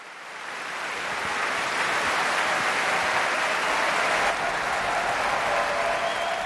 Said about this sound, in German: Und Sie hören es, ein derart begeistertes Publikum, das ist typisch für die BBC Proms, die Promenade Concerts, die jeden Sommer in der Royal Albert Hall in London stattfinden.